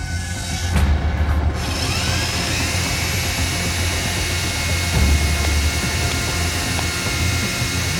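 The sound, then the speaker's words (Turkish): A sanding machine grinds continuously and loudly, a dense rough roar with a steady high whine running over it, with no voices. “Ben buna bir zımpara atayım.”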